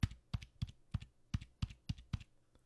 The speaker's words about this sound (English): Now, here's my keyboard. Now, you tell me, can you hear the difference in these keys? You ready? Here we go.